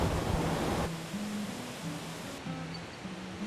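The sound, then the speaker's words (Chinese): A loud, steady roar of water falling at the Erren Creek (二人溪) water intake, where the overflow runs back into the Nanzixian Creek (男子先溪). Dense and unbroken, with a faint low hum beneath it and no voices. “那如果这个我们叫做二人溪的哦那个取水郡哦，那呢这里呢你可以看到说它如果水量够多的时候就会像现在瀑布声很大，就自然回流到我们的男子先溪。”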